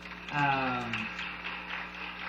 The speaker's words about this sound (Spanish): Gracias. Creo que es digno de aplaudir, hermanos.